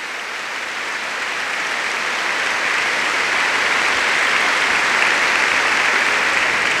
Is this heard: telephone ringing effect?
no